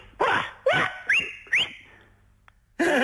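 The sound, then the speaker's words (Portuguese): A shepherd's call whistle calling a flock of sheep: four short, shrill upward-sliding whistles in quick succession, the last held as a steady high tone, followed by a louder burst after a brief pause. “Eu sabia que havia um assobio. E elas vêm logo.”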